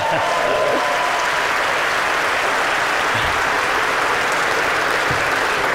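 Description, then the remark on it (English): Sustained applause from a large audience for Tony Benn, a dense, even wash of clapping that stays loud and steady for several seconds with no voices standing out. “Give Tony Benn a round of applause.”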